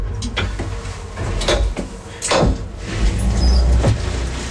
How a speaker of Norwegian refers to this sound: En sleit litt grann med å lukke seg bak meg den der ene døra. Men... Er det lukket litt grann? Ja, det var liksom, det kom noen sånne klikk, klikk, klikk